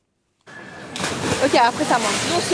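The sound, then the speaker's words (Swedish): Water splashes and sloshes in a broad, continuous wash at Canal Saint-Martin in central Paris, where people cool off in the canal during a heat wave, with excited voices calling out over the churning water. “I Paris väntas temperaturer på uppemot 40 grader de närmsta dagarna och folk där söker sig till stadens kanaler för att svalka sig.”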